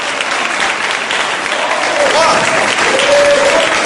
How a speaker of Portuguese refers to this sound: Amém, igreja? Olha as palmas.